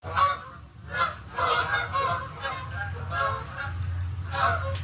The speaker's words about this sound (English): That is a familiar sound this time of year, Canada geese making their way south for the winter. Between mid-August and November, millions of birds migrate through southwestern Ontario.